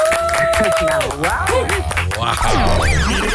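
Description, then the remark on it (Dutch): Warm applause from a crowd welcoming presenter, actor and author Frankie de Bot: a steady, dense wash of clapping that stays loud for the full few seconds, with whoops and cheering voices rising and falling over it. “Dames en heren, mag ik een warm applaus voor niemand minder dan Frankie de Bot.”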